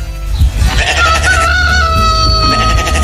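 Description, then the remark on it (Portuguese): A rooster lets out a single loud, drawn-out crow that rises and holds steady before trailing off, with no talking over it. “O galo cantou.”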